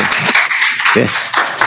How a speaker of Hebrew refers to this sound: גם אנחנו מוחאים כפיים, לא רק בנתניה.